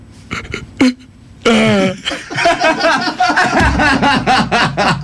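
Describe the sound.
A voice on the morning show of Sfaira 102.2 radio mimics a depressed donkey's bray, drawn out and droopy, with a few short grunts first and then a long, wavering run of sagging hee-haw sounds.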